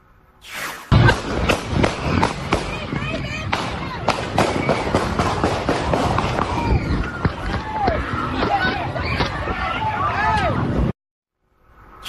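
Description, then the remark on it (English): Rapid volleys of sharp, loud gunshots crack out over a frantic crowd, with shouting, screams and hurried movement filling the scene for about ten seconds before it cuts to silence. “We now have video from the scene where you can hear gunshots ring out, causing people to run in every direction.”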